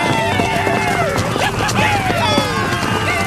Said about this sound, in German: Die Comanchen stürmen mit Pferden in die Stadt und schießen ihre Pfeile ab.